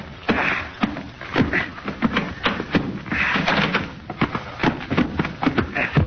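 A door being opened, with a run of clattering knocks, rattles and scrapes spread over several seconds, fairly loud and busy with no clear talking.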